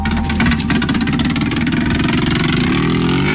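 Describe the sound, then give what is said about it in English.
A racing motorcycle engine, on a bike being readied and tested for the Isle of Man TT (Tourist Trophy) race in 1973, rumbles loudly and steadily, its low growl rising in pitch toward the end as it revs, with no voices. “These bikes are ready for the TT now.”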